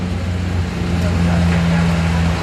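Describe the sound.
Heavy fire engines and emergency trucks continuously come and go in a steady, loud low drone of engines, with indistinct voices faintly mixed into the traffic noise.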